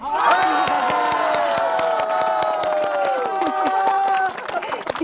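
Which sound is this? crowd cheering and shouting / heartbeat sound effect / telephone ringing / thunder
crowd cheering and shouting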